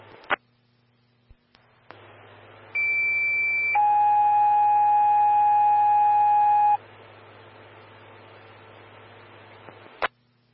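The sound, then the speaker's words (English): Sequential two-tone fire dispatch alert for Evergreen Fire Station 5, Medic 112 and Engine 131 Bravo on a chest pain call: a loud, steady high tone for about a second, then a long lower tone for three seconds, set against radio hiss and hum with key-up clicks. “Station 5, Medic 112, Engine 131 Bravo, standby for tones on a chest pain, call 3.”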